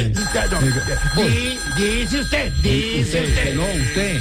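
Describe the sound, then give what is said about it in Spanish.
A telephone rings loudly and steadily for the whole stretch, a bright continuous ringing tone with excited voices talking over it. “Suena duro de teléfono, mano.”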